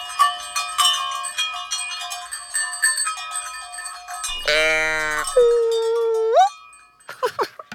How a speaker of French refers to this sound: Chaque vache a sa cloche. La reine des vaches, la maîtresse vache, elle, porte la plus grosse cloche. Quand toutes les cloches sonnent ensemble, cela fait un orchestre de cloches.